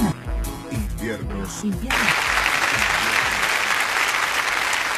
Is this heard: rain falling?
no